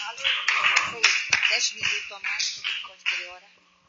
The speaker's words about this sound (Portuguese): Vamos receber a serva do Senhor com palmas e glória a Deus. Bem alegre para Jesus.